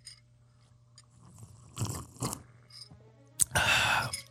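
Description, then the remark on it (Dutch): Noisy slurping as someone sips hot coffee: a couple of short wet bursts, then one longer, louder airy slurp with a whistling edge near the end. No talking. “Doe dan slurpje toe.”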